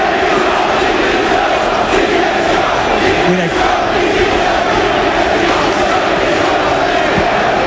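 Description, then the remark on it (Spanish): A stadium crowd at the Leganés vs Mirandés football match loudly chants "Directiva dimisión" (board resign) in protest against the club's board, a dense, sustained roar of many voices with a rhythmic rise and fall that continues steadily throughout. “escucha lo que se grita ahora, ¿eh? Directiva dimisión.”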